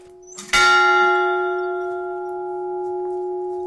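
A single chapel bell at Sainte-Marie, rung by someone, strikes once, loud, its bright clang settling into a long, steady ringing hum that lingers for several seconds without fading much.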